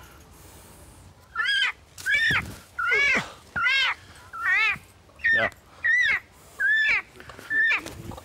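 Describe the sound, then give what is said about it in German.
A peacock screams in a rapid series of about nine loud, piercing wails, each short and evenly spaced with a bending pitch; a single brief spoken word is heard. “Nun schrei mal nicht rum, sonst kommt Mama wieder.”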